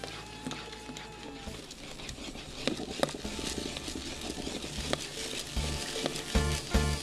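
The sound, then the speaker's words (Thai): A bamboo stick scrapes and stirs sago pearls in a brass pan, keeping them from sticking together until they turn clear, with soft sloshing, bubbling and a few sharp knocks against the pan, steady throughout. “ใช้ไม้ไผ่กวนคนเพื่อช่วยให้สูไม่ติดกันเราจะกวนจนกว่าเม็ดสาคูจะใสที่พี่ป้ายายจะเรียกว่าใสเป็นตากบนะครับ”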